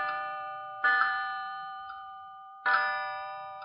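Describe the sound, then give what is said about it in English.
A wall clock on the wall of the therapy pavilion on the 36th floor of a psychiatric hospital chimes with two resonant, bell-like strikes spaced nearly two seconds apart, each ringing on and slowly fading, with a faint soft tap in the gap and no voices. “I couldn't bring it into sharp focus, but I knew that the number 3 was slightly chipped, and that when it chimed, there was distinct hesitation between the second and third note.”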